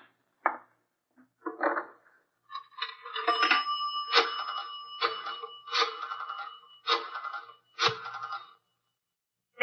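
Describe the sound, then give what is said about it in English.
An old-fashioned telephone bell rings in a series of short, rattling bursts, with one longer ring in the middle, clear, with no voices. “I'm going to make a phone call.”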